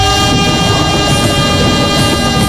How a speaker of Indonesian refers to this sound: Kesabaran teruji saat menunggu kereta api melintas.